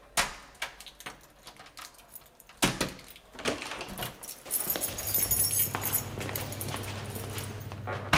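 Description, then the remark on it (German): Keys jangle and clatter in a lock, followed by a door being worked open, with a low steady hum building underneath toward the end. “Woher hast du die Schlüssel?”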